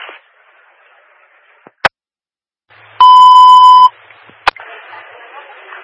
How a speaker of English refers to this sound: I can hear alarms going off.